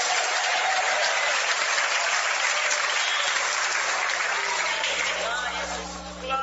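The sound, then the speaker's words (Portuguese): An audience claps loudly and steadily for Jesus, dense overlapping hand claps filling the whole stretch, with voices calling "glória a Deus" mixed in beneath the applause before it tapers slightly at the end. “Mais forte as palmas misturado com glória a Deus.”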